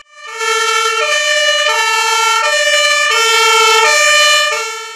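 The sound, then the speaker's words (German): A fire truck's two-tone siren blares loudly as the new HLF rescue vehicle of the Trebsen Volunteer Fire Brigade rolls into the yard at its handover. It alternates between a high and a low pitch in a steady rhythm, with no voices, swelling slightly before tapering off at the end. “Mit Tatü und Tata rollte das neue HLF auf den Hof.”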